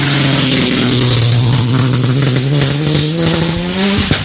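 A rally car accelerates hard off the start line of a special stage, engine revving loudly, pitch climbing steadily through the gears before a sharp shift near the end, continuous with no talking.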